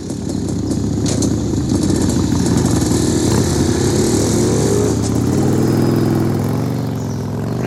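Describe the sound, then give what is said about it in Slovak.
Motorcycle engines rev loudly and steadily, their pitch rising and shifting as the bikers pull off and begin to fade away. “Okamžite sa pusti za nimi. To tí motorkári?”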